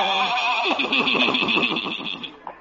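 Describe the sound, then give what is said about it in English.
A single loud whinny from a horse that pulls a buggy, a quavering, rapidly wavering neigh lasting about two seconds before trailing off, heard alone without any talking. “Ye gods, old Doc Yak Yak and his horse and buggy.”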